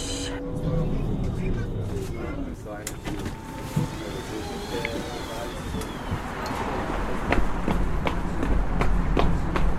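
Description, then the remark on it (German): Quick, regular running footsteps hurry along against a busy, noisy background with some vehicle-like hum, the pace growing slightly louder toward the end. “Stress, rennen,”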